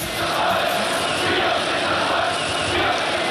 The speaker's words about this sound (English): And then came 1989, the fall of the wall, the end of communism. Huge cheer goes up as the first of the East Berliners come across to the West.